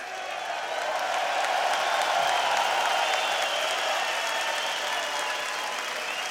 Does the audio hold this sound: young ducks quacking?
no